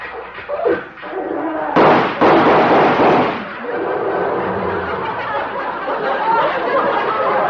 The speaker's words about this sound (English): He's come over to see me in his tractor.